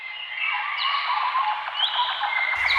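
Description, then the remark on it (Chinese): A dense chorus of birdsong, many overlapping chirps and trills blending into a steady, bright wash of calls that stays loud and continuous throughout, with no voices. “鸟鸣，溪流，森林，草原，大海。”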